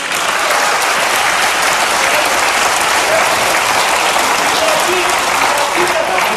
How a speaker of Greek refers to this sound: Χειροκροτάει και τον εαυτό της.